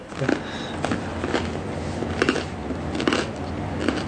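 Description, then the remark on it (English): Crisp crunches of someone biting and chewing crunchy bread, about six bursts at uneven intervals over a low background hum, with no talking. “Oh, well, the bread is crunchy.”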